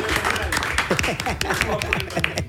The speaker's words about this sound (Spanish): Vamos a dar un aplauso a Emmanuel, que está con nosotros.